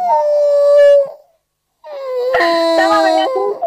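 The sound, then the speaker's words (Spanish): A participant's whale sound for World Whale Day: two drawn-out, moaning whale calls separated by a short silence; the first is a steady tonal wail, the second louder and wavering with rougher, layered overtones. No one speaks. “Está en celo esta ballena, me parece.”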